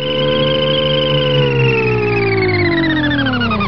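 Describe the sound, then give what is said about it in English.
A steady, loud synthetic whirring hum with layered tones that slowly glide downward, like George Jetson's cartoon flying car, with no talking. “So does a Fisker Karma sound like George Jetson's car? You remember that.”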